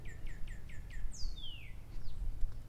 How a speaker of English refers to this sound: A lot of birds hanging around today, giving me the chirps, giving me some chirpy business.